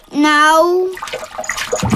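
A drawn-out, high-pitched vocal cry gives way to a second of irregular splashing and sloshing of water in a bathtub.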